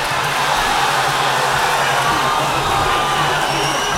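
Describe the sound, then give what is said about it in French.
A large boxing crowd roars continuously during the third round of the final between Cassius Clay and Petrikovski, a dense wash of shouts, cheers and whoops that stays loud and steady throughout, with a faint low hum running underneath. “Vous entendez les cris du public ?”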